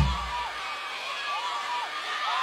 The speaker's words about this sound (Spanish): Muchísimas gracias y los aplausos fuerte